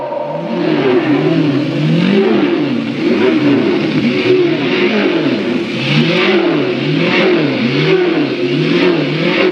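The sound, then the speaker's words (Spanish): Several race car engines rev together at the start of the Around the World Grand Prix race, a loud, continuous roar, their pitch rising and falling in overlapping waves with a rough, buzzing edge. No one speaks. “Faltan solo 2 minutos para comenzar esta carrera por el Gran Premio de la Vuelta al Mundo.”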